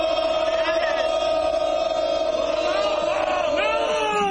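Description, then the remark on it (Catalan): A loud crowd of Girona football fans at Vallecas stadium chants "Girona!" in unison, a sustained roar of many voices holding a steady tone with rising shouted swells toward the end. “El crit del Girona.”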